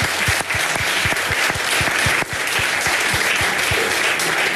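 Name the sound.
audience applause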